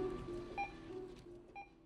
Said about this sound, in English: The BBB of the barcode scanner counting the day away.